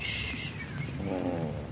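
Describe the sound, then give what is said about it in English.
A cat named Shakespeare purrs loudly and steadily, a continuous low rumble with a gentle pulsing rhythm that never stops, heard alone without any talking. “And don't purr so loud.”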